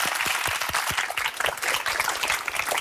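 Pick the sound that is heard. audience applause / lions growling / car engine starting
audience applause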